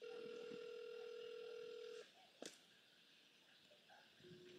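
A phone call rings out unanswered and is declined by the woman being called: a steady electronic ringback tone holds for about two seconds, stops with a brief click, then starts again after a pause. Fairly loud, no voices.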